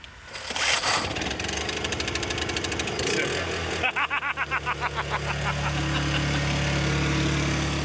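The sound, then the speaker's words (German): A built-in portable power generator, started from inside, sputters through a burst of rapid, rhythmic cranking pulses, then catches and settles into a loud, steady, low-pitched running drone. “Stromaggregat und das können wir von innen anziehen. Also das können wir von innen starten.”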